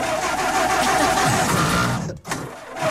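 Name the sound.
car engine starting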